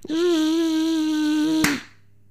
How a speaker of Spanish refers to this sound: Pero el mosquito es el más aplaudido. Hombre, porque cuando ves un mosquito, hombre, te lo quieres quitar de encima y le aplaudes.